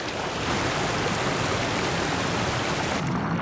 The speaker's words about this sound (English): The Highlands are one of the wettest places in Europe. Up to 4 meters of rain falls here every year, with much of the deluge in autumn. Gentle rivers swell into raging torrents.